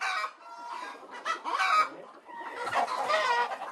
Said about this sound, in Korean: 닭들이 알을 낳는 산란장. 사실 이 농장의 이유는 고기보다 달걀을 통해 얻어지는 게 더 크다고 합니다.